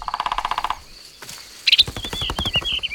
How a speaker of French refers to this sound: Regarde, c'est un oiseau qui fait ce bruit. Un oiseau avec des plumes vertes, une tête rouge et un long bec. C'est un pivert. Le pivert tape avec son bec sur le tronc de l'arbre pour parler avec les autres oiseaux. Il tambourine.